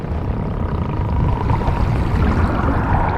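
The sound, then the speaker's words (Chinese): Sperm whale vocalizations from a sperm whale family led by Crooked-mouth Irene in the waters near Mauritius: a dense, steady stream of rapid low clicks and crackles over a murky underwater rumble, with a faint thin tone drifting through. No voices. “以歪嘴艾琳为首的抹香鲸家族到了需要做出决断的时刻。”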